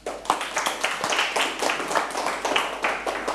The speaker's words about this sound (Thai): ปรบมือให้เพื่อนอีกครั้ง